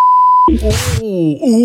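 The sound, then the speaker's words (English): A steady, high-pitched censor bleep covers a word for about half a second and cuts off abruptly, followed immediately by a loud voice reacting with a drawn-out exclamation. “Ooh, lucky we had a sensor.”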